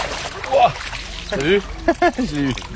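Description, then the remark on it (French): Someone wades and splashes up the Pignol stream in Puy-de-Dôme, France, with staff of the Puy-de-Dôme fishing federation doing electric fishing; water trickling and sloshing in the very low stream while people talk over the watery sounds. “Je remonte le ruisseau de Pignol en compagnie du personnel de la fédération de pêche du Puy-de-Dôme.”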